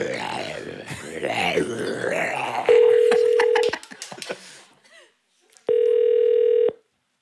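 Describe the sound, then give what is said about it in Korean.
A telephone ringback tone sounds twice, in steady one-second beeps separated by a pause, following a stretch of muffled voices and clicking noises. “전화 받아요.”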